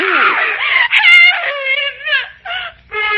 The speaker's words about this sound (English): In her hysteria, the girl resisted me. And even as my hand closed over her mouth to shut off her screams